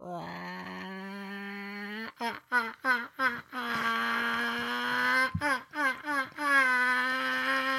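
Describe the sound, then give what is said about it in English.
A person imitates a chicken: a long, strained, nasal squawk breaks into a quick run of clucks, then a second drawn-out squawk trails off into more choppy clucking. No other voices. “That's my chicken.”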